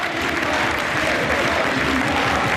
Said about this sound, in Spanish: El pasillo de jugadores de Villarreal y del Rayo. Se acerca todo el mundo a hacerle el pasillo a Óscar Trejo, que recibe este aplauso del Estadio de Vallecas.